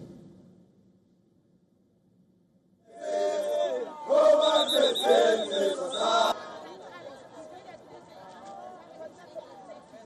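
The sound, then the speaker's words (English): A crowd of thousands of protesters marching against undocumented immigrants in a town bordering Johannesburg, South Africa, erupts into loud, rhythmic chanted slogans such as "Let them go" after a few quiet seconds, the voices peaking in a forceful burst before settling into a steady murmur. “In a town bordering Johannesburg, thousands of protesters marched against undocumented immigrants, shouting slogans like, "Let them go."”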